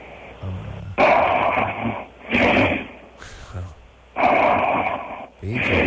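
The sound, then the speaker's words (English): Heavy, rasping snores rise and fall in a steady rhythm, each long labored breath loud, with a rough wheezing edge between pulls. “And by the way, if you were trying to humiliate, you're just fine at that without the snoring.”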